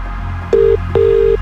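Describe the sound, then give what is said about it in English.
Two steady electronic DTMF phone beeps, a short one then a longer one, sound clearly over a low background hum as a radio show dials a contest entrant's phone number. “We're making this call right now.”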